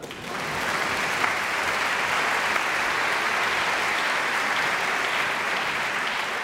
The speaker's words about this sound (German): Und nochmal extra Applaus für die Janitscharenkapelle heute Abend.